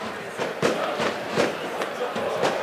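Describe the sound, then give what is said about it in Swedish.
Sharp fireworks bangs crack out in an irregular series, about half a dozen in under three seconds, over a steady wash of crowd noise and murmuring voices, set off outside an arena in the city of Senica by the Bosna river, Bosnia and Herzegovina, amid a festive mood. “Man hör också fyrverkerismällar. Jag tänker ni hör dem i bakgrunden, va?”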